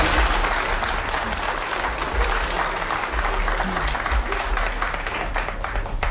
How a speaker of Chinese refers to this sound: 您这一上来，大家伙就热烈鼓掌。